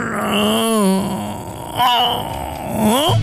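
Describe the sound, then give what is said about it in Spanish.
A voice imitates a car engine with a weak battery failing to start in the morning: three strained, groaning cranks that waver and slide in pitch, fairly loud, each sputtering out without catching. “Cuando en la mañana la batería es así.”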